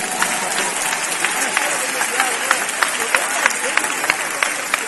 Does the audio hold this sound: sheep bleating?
no